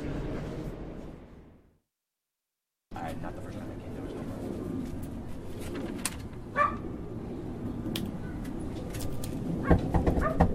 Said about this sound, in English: They pulled the dog away. The dog would constantly be barking.